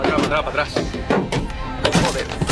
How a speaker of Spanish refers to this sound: Esto que escuchan está grabado desde dentro de un coche con una multitud fuera lanzando piedras contra ese coche, apaleando los parabrisas. Dentro del coche viajaban 3 personas.